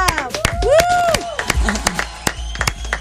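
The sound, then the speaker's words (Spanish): An audience claps for the guest Juanita Molina in an uneven burst of sharp slaps, with rising and falling whistles and cheering over the first half before the applause thins out. “Su un aplauso para Juanita Molina.”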